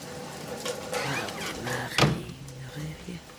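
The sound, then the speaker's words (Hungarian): A door swings shut with one firm thud partway through, preceded by a brief creak and scrape of movement, while faint voices murmur in the background. “Zárja be az ajtót.”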